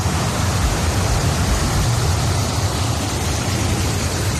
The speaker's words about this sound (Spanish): Es el sonido de la lluvia, esperado, porque hemos hablado de sequía, pero claro, es que se han convertido las calles, por ejemplo, de Sant Joan les Fonts, en Girona, en ríos de agua y hielo.